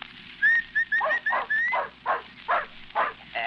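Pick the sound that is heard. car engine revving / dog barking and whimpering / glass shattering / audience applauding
dog barking and whimpering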